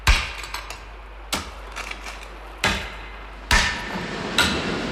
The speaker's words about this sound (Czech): Tady to vypadá, že je slyšet nejsilněji. Ano, tady. Snad půjde stěna prorazit. Já to zkusím špičákem.